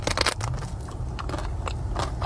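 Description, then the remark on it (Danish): Moist eating sounds of a woman in her car biting into and chewing soft cream cakes bite by bite, with repeated wet smacks and soft crunches at an uneven pace, no talking. “Og så ser man hende ellers bare gå ombord i de her flødeskumskager bid for bid.”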